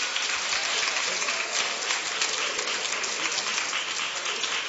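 A church audience claps steadily to welcome a gospel singer from the MC Music label, clapping joyfully to the Lord Jesus. The sustained, dense applause holds at an even loudness throughout, with no pauses or voices rising above it.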